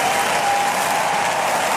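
Sustained audience applause for a Schlager singer's last performance as a singer, on Florian Silbereisen's show Schlagerboom Open Air, a dense wash of many hands clapping at steady loudness, with a faint tonal hum running underneath and no voices standing out.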